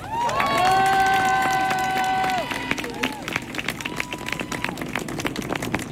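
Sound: audience applause and cheering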